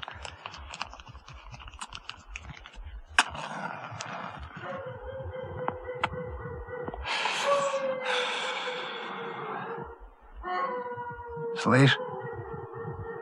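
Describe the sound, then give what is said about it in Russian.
A dog howls down below in a village, one long, steady, drawn-out wail that holds for several seconds, with breathy noises and soft rustling around it. “Слышь, это внизу, в ауле. Хозяева от басмачей ушли, а собака осталась.”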